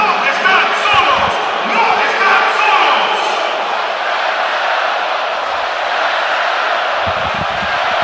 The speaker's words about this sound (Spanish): Y el estadio responde espectacularmente ante el aplauso del jefe, Gianni Infantino, posicionado junto a Mikel Arriola en el palco de autoridades, el máximo jerarca de la FIFA, junto al máximo jerarca de nuestro fútbol, Mikel Arriola,